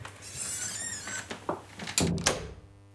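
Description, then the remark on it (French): A house door that is kept permanently closed creaks with a drawn-out squeaky groan, followed by a couple of solid knocks as it swings and bumps, with no talking. “Là, c'est la seule porte de la maison qui est fermée en permanence.”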